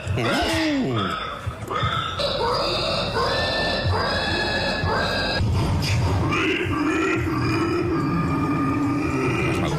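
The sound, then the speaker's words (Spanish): A human voice imitates a pig with loud, strained squeals and rough grunts in a steady run of drawn-out, high-pitched calls, some wavering and some breaking into lower snorts. “Vamos a ver si tu imitación se asemeja a algunas de las voces que se escucharon en este campeonato.”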